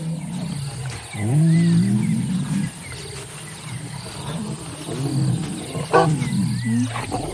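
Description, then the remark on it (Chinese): Two male lion brothers, together again after days apart, give deep, rumbling roars and growls in several bursts, one swelling early and others later, over a steady bed of chirping insects. “多日未见的狮子兄弟亲密地靠在一起”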